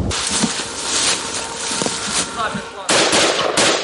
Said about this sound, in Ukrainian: Чітко за розкладом, за 5 хвилин до 3 почалися знову пуски кабів, тож зараз до такого досить щільного дзищання дронів у небі доєднуються ще й гавкання від того, як лягають керовані авіабомби. Ляп. Третій. Зараз четвертий підлітає. Четвертий.